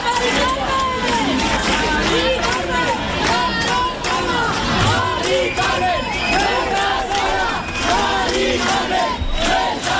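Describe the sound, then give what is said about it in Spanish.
A large crowd of thousands of young people protesting an eviction chants 'No estás sola, Mari Carmen' in unison at night, holding placards, many voices shouting together in a steady rhythmic cadence, loud and continuous throughout, with a dense roar of voices behind the chant. “No estás sola, Mari Carmen, gritaban miles de jóvenes, sino tan jóvenes anoche, con pancartas que decían todos somos Mari Carmen, porque Mari Carmen no es una excepción.”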